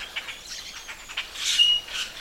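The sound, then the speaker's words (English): About half a dozen to a dozen all-black, long-tailed blackbirds call in a quick series of short, scratchy chirps, then give a brief, thin whistled note, with no voices present. “But they also make what I call a rusty hinge sound, sort of, which a lot of the blackbirds do.”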